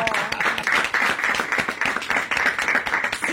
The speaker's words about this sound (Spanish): De vuelta, más cambio, entregó el premio. Un aplauso para más cambio.